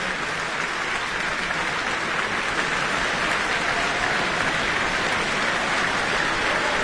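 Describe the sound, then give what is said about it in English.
An audience and the orchestra clap continuously for Li Weiqin, a dense, steady wash of many hands that holds an even level for the whole stretch, with no voices rising above it. “Not only the audience, but the orchestra applauding Li Weiqin as well.”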